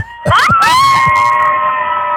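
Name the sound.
group of campers screaming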